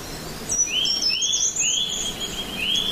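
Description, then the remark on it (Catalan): Birds chirp and sing continuously, with several overlapping high, thin whistled phrases over a soft background hiss, and no talking. “Els sons dels ocells, si ara deixo de parlar...”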